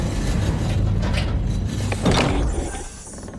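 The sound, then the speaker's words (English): An old door going into the archives creaks and groans open with a dense, scraping mechanical rumble, swelling briefly near the end before easing off. No voices are heard. “So let's open up that old door and see what kind of old songs we could find.”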